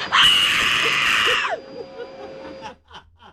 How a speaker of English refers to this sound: Just give me the scream.